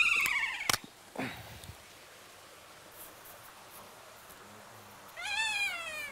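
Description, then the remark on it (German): Kea parrots screech in their aviary in the snow, in harsh, wavering calls, one burst at the start and a louder, longer one near the end, with a short sharp cry between and steady hiss behind. “Man hört jetzt auch, wie sie hier rumschreien, wie sie diesen Schnee begrüßen sozusagen.”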